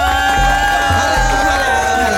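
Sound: crowd cheering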